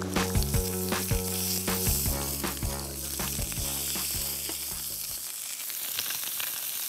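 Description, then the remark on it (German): Food sizzles steadily on a charcoal grill as it is seared briefly on both sides, a dense hiss dotted with sharp crackles and pops, while a low humming drone runs underneath and cuts out before the end. “Wir grillen sie von beiden Seiten einmal kurz an, und damit sie schön die Röstaromen haben, und dann garen sie bei mittlerer Temperatur zu Ende.”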